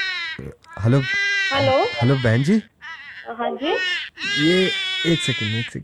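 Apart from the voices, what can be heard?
baby crying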